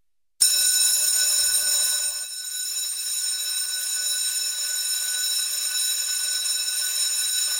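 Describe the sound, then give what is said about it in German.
A school bell rings continuously and loudly through the classrooms of a school in Wald, Switzerland, a steady shrill electric clang that starts abruptly and keeps going without pause for several seconds, with no voices. “Wenn die Glocken im August also wieder durch die Waldner Schulzimmer dröhnt, heisst es für die Schüler wieder Handy weg.”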